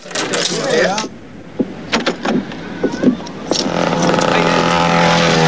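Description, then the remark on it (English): Regulars at a bar hand over their tens, and the coins drop one after another in a quick, irregular run of bright metallic clinks. Murmured voices come before them, and a steady broad hiss follows. “Hey, come on, give me your tens.”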